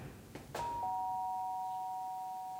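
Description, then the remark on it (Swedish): A doorbell rings at a caretaker's door: a couple of soft clicks, then two bright chime tones, the second a touch lower, struck moments apart and left to ring out steadily with no talking. “ringer på hos vaktmästaren Alfons.”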